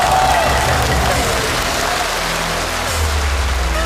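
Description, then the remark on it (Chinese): Steady, dense applause from an audience welcoming Peking opera performer Wang Peiyu and film and TV actor Liu Peiqi fills the whole stretch, a continuous loud patter of many hands clapping at once with a faint murmur of voices underneath. “掌声有请著名影视剧演员刘佩琦老师，有请二位。”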